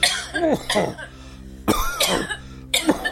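A man coughs repeatedly in harsh, chesty bursts, two quick coughs, a pause, then two more and a final one, fairly loud with no talking.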